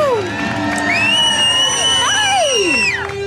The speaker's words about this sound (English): Big round of applause